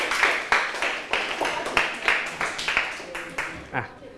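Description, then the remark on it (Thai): Students in a culture lesson clap for themselves after answering every question correctly, in a steady, even rhythm, about a dozen sharp, bright claps over four seconds, fairly loud and ending with a brief trailing sound. “แสดงว่าพวกเราเข้าใจประเภทของวัฒนธรรมแล้วตอบถูกหมดทุกข้อเลยปรบมือให้ตัวเองดังๆได้เลยครับ”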